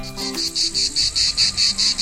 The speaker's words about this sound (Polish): Doskonale kojarzycie ten dźwięk, prawda? To cykady. Ich charakterystyczne, jednostajne, nienudne koncerty są częścią naszych wakacyjnych poranków, czasami wieczorów, dni po prostu, wakacyjnych spotkań i wspomnień. To cykady.